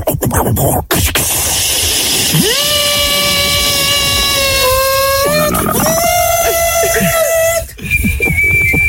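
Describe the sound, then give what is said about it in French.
A kettle boiling over a steady hiss, its shrill whistle sliding up and then holding a loud, wavering tone for several seconds before cutting out near the end. “La bouilloire.”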